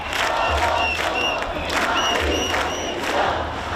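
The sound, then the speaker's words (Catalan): A crowd of about 10,000 people chants in unison at a demonstration in Madrid, outside the controversial penthouse bought by Ayuso's government, in support of an 87-year-old woman evicted in the Retiro district: rhythmic shouted phrases over a dense, steady roar of voices, with whistles piercing through at intervals. “10.000 persones, segons dades de la delegació del govern, s'han concentrat a Madrid davant del polèmic àtic comprat pel govern d'Ayuso.”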